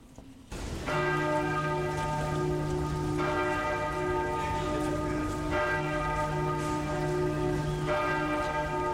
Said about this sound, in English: hit the bell